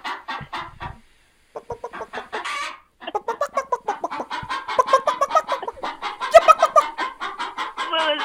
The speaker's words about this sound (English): Well, the chicken has something to say to you. Go ahead, chicken.